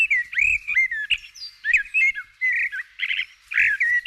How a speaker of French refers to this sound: Je me suis demandé quel oiseau ça pouvait être pour chanter ce genre de choses. J'ai pensé à un merle ou à une fauvette, qui sont des oiseaux qui vraiment inventent des mélodies lorsqu'ils chantent.